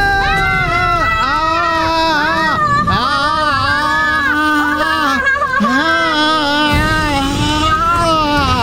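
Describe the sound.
A man lets out a loud, exaggerated scream of terror, a long wavering wail that rises and falls in pitch with only brief catches for breath, continuous throughout.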